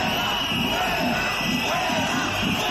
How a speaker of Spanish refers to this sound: Azcón, bajo una fuerte presencia policial, se ha acercado a los manifestantes para intentar hablar con ellos, pero los gritos han continuado.